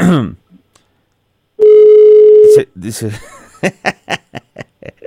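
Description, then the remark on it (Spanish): A single loud ring tone of an outgoing phone call, placed to greet a man on his birthday, sounds for about a second, steady and buzzy. A voice comes just before it, and chuckling and talk follow right after. “Ahí está, sonando el teléfono con don ….”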